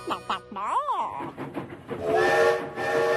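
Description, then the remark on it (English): A train sounds its whistle as it comes in: a rising-and-falling tone early on, then a sustained, bright whistle blast that holds to the end, fairly loud, with some voice-like sounds mixed in. “The train's never early. It's never late. It's always just on time.”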